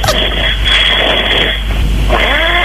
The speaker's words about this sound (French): Quelqu'un qui ronfle en direct!